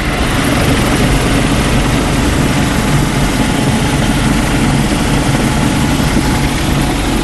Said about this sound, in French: Minutes de vol et l'hélicoptère Caïman du Charles de Gaulle se pose sur la plage arrière d'une FREM, une frégate multimission spécialisée dans la défense aérienne.